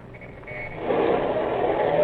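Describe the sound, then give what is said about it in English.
A car engine turns over and then revs up, its rough rumble swelling louder about halfway through and holding steady as the vehicle pulls away. No voices are heard. “Start this bus and then step on the gas.”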